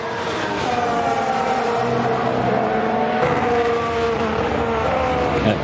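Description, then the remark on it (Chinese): Formula One race car engines roar steadily, their high-pitched whine shifting as the cars accelerate along the track, with Leclerc chasing Verstappen, who is on new soft tyres; loud and continuous throughout with no one talking. “勒克莱尔前面追击维斯塔潘，维斯塔潘呢换上了全新的软胎”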